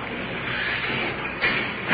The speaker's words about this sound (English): Jailer's opening the door for us. Prisoners placed in the cell. Secure.